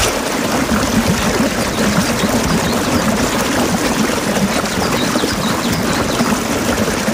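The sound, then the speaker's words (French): A waterfall roars steadily, a dense, continuous wash of cascading water filling the whole clip with no pauses, and faint birdsong may be tucked into the rush. “Le bruit de la cascade, ça donne envie.”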